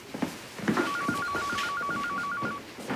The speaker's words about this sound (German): Ihr Telefon klingelt. Ja, ich weiß. Ja, dann gehen Sie doch erstmal ran